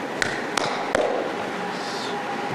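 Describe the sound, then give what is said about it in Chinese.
Three sharp knocks on someone's door in the middle of the night, evenly loud, spaced a little unevenly. Only a low background hiss follows, with no one speaking. “咱俩的关系不用矫情这个，直接敲门没关系， 直接敲门、 啊，敲门就行啊。”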